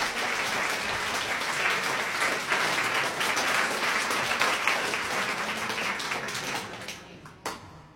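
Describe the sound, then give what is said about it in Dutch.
Steady, dense applause from an audience before a piano performance of Chopin's Tarantella, many hands clapping at once in a broad crackling wash that holds for several seconds, then thins out and fades with a last few scattered claps. “Mag ik dan een groot applaus?”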